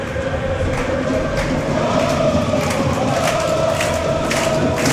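Vaduz home football fans clap together in a stadium during a match against FC Aarau, a loud, steady wash of crowd noise with periodic bursts of clapping rising through it. No one speaks over it.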